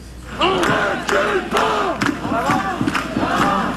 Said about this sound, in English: And meantime, outside the Palais des Congrès today, a crowd of AI protesters gathered to make some noise.